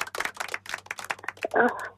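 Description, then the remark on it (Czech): A bunch of keys jingles, a quick, uneven run of bright metallic clinks that ends in a short ringing jangle, with no one speaking. “A zacinkáš těma klíčama?”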